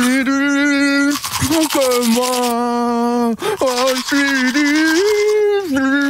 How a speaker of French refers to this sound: parce que lui se brosse les dents tous les week-ends, la semaine aussi avec la brosse à dents électrique et le week-end c'est la manuelle, parce que c'est plus sympa évidemment pour chanter.